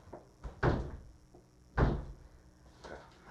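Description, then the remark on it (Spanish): A stiff door is forced shut in a few heavy thuds, two loud bangs about a second apart with lighter knocks around them, as if it takes several shoves to close. “ya esta puerta está más dura que la de la presidencial. De repente vamos a tener que engrasar las bisagras.”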